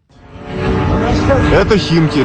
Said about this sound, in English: In the skies around Moscow, it's becoming a familiar sight. Ukrainian drones.